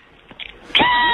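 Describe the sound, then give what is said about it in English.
A goat lets out a loud, nasal bleat with a wavering pitch. It starts abruptly after a moment of faint background noise and is cut off while still sounding. “It's a real goat, man.”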